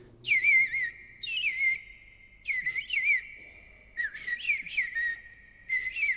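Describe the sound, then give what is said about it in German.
An Eastern Bluebird (Rotkehl-Hüttensänger) sings short, warbling whistled phrases, four bursts separated by brief pauses, with soft, slightly halting rising and falling notes at a mid-high pitch. No one speaks. “Aber der Eastern Bluebird oder auf Deutsch Rotkehl-Hüttensänger klingt ja wie eine Mischung aus Amsel und Misteldrossel.”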